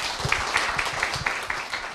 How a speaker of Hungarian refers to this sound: ezeket a gondolatokat egy nagy tapssal köszönjük meg.